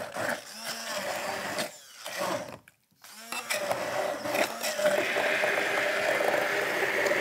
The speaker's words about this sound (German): So, unsere Erdbeeren geben wir also jetzt in das Glas und geben also jetzt zunächst mal in unseren Mixer hier rein. Bitte? Das duftet, riecht, ne? Schon lecker, ja, ja, ja, ja. So, machen wir die erstmal klein.